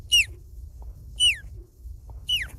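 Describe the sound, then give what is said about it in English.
A 12-year-old child imitates an osprey with three short, high, downward-slurring whistled cries, evenly spaced about a second apart, over a faint low rumble. “Last, the osprey.”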